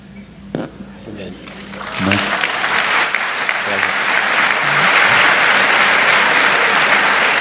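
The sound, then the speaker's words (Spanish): Applause from a group of women swells after a couple of seconds into dense, steady clapping that grows louder and fuller, with faint voices underneath at the start. “Me parece que son las mujeres que están aplaudiendo.”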